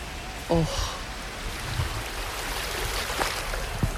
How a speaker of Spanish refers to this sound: Me voy a intentar acercar a la orilla para que podáis escuchar el mar desde Madrid.